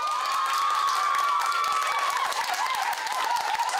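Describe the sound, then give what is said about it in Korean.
A crowd of students at Jeonggwang Middle and High School, a Buddhist school, cheers and claps steadily in welcome of visiting monks, with high-pitched shouts and whoops rising over dense, continuous applause at a loud level throughout. “스님들의 방문에 반가운 함성으로 화답한 학생들은 불교 종립학교를 다니는 자부심이 넘쳤습니다.”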